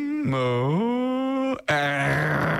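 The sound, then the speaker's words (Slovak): A person imitates a lion's growl with two drawn-out, rumbling vocal bursts split by a brief pause, loud, the pitch sliding and swelling in the first. “Rozmýšľal som, že čo je to R, lebo tam je napísané R, ale to je asi jeho zvuk.”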